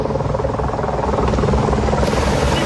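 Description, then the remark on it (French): A water-bombing helicopter thunders overhead as it supports firefighters battling a large fire. Its rotor produces a steady, loud, rhythmic chop that fills the whole moment without pause or voices. “Oui, alors écoutez, des kilomètres de flammes, des panaches de fumée visibles à 20 km à la ronde et 400 pompiers qui luttent sans relâche depuis hier soir, épaulés par des hélicoptères bombardiers d'eau.”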